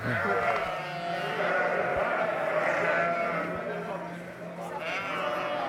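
A large flock of ewes, about to be milked on a sunny Sunday afternoon, bleats continuously, many overlapping calls forming a loud, steady chorus that carries on for several seconds without a break.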